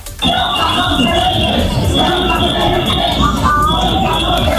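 A dense protest crowd of Spanish Muslim residents of Ceuta, Spain, roars and shouts together without pause, loud and continuous, while a steady high-pitched whistling tone runs through the whole din.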